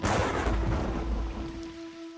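Heavy evening rain pours steadily outside the Tingwei's office, with lightning, while a deep rumble of thunder rolls beneath it, loud, fading slightly toward the end. No voices are present.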